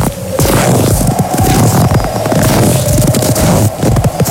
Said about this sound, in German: Schritte im Schnee.